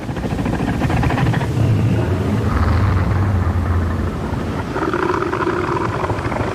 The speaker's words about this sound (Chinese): 所以，雄性北象海豹会用具有威慑力的叫声警告其他雄性保持距离，划分出自己的领地。